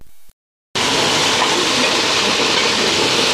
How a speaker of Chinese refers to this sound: 火升腾，炒锅滋滋作响，瞬间香气扑鼻，不到2分钟，大家熟悉的家常川菜就出锅了。这可不是某个餐厅的后厨，而是位于成都金牛区工人村社区的邻里厨房。